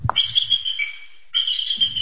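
High, thin piping calls from bald eagles at feeding time in the bald eagle enclosure at Avian Haven, a wildlife rehabilitation center in Freedom, Maine, ring out in two long, shrill bursts separated by a brief pause, fairly loud, with faint low rustling beneath.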